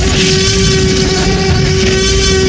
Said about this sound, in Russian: Этот вопль создали звукорежиссеры, сильно обработав визг слона.